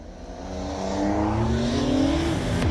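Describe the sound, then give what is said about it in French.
An old combustion-engine car with no electronic aids launches without launch control on a countdown and accelerates hard, its engine note climbing steadily in pitch through the gears, loud and continuous with no voices. “Mais pour le moment, les moteurs thermiques, moi, ça me va déjà super très bien. Hein? Puis en plus, il y a le son qui va bien avec.”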